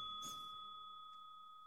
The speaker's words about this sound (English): Oh, I heard the button press, though. No bell. Now if I hit it again, bell. The fact that it works with two is and if I hit it again, extra odd. Bell.